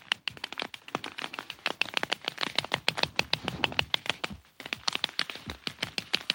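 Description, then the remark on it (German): Woodpecker drumming: dense, rapid bursts of sharp wooden taps that clatter almost continuously for several seconds, pause briefly, then resume, with no voices. “Und irgendwo spechtet es um mich herum, wie verrückt.”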